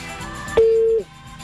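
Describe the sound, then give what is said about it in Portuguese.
A single steady telephone beep, loud and clear, holds for under half a second and then cuts off, leaving a quiet background, after a phone call goes unanswered and reaches a voicemail prompt. No one speaks over it. “É, o telefone dele tá bichado. Ele pede pra ligar, mas não atende.”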